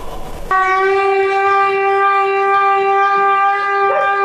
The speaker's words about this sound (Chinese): 听着这声就该走了是吧？ 对，听见锣声摇警报声，我们就往下走。